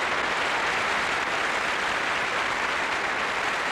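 Loud, sustained audience applause fills the space, a dense wash of many hands clapping at once with no pauses or voices breaking through.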